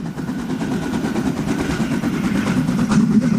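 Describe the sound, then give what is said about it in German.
A narrow-gauge steam locomotive of the Harzer Schmalspurbahn in the Harz, Germany, puffs hard, with a rapid, steady run of loud chuffs over a deep rumbling churn. No one speaks. “Wer im Harz unterwegs ist, der hört sie meist schon von weitem richtig schnaufen.”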